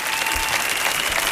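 An audience claps steadily and loudly to welcome a singer, a dense wash of overlapping hand claps filling the whole moment with no pauses.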